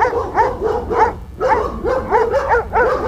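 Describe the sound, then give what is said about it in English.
Several dogs bark over and over in a loud chorus, the yelps overlapping in a quick, steady rhythm with only a brief lull partway through. “Release the hounds.”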